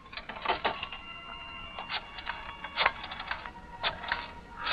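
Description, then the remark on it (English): A telephone handset is lifted, then a number is dialed to call Tony Baines at his club: a fairly quiet series of mechanical clicks and rattles in uneven bursts, with no one speaking. “Right now, there's a very important telephone call you must make. Go on. Pick up that phone.”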